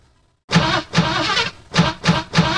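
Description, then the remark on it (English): After a brief silence, a car engine cranks and roars to life, its loud, rough running pulsing in uneven surges as it revs. “Engines running!”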